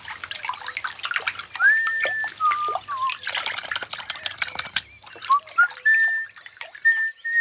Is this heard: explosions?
no